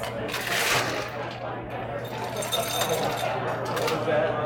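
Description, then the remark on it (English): Ice cubes are put into a glass while a drink is being made, clattering in a quick series of bright, sharp clinks and rattles, with a steady low hum underneath and some faint voices. “So now you put some ice into the glass. Okay, ice in the glass.”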